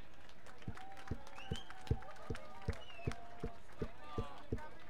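An audience claps in steady unison, about eleven even beats roughly twice a second, fairly soft, with faint whistles and crowd murmur drifting over the rhythm.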